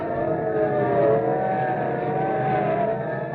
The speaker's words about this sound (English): Okay, listen, sirens. Yeah. Look, police cars, and are they rolling? And we better start hopping. They're not slowing down for anything.